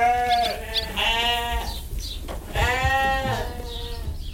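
Ewes bleat on a farm: several quavering, wavering calls in quick succession, the longer ones rising and falling, with faint farmyard rumble underneath and no talking.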